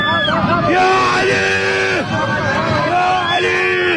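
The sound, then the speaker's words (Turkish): Passengers scream and shriek together in an aircraft cabin in Iran after a tire burst on a plane departing Mashhad, the cabin ceiling collapsed and luggage fell on them; several high wailing voices rise and fall over a constant roar of background noise, loud throughout. “Çığlık sesleri yükseldi.”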